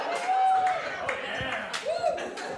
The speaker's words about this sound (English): I just want to point out, you guys all applauded for Tom Raper RVs.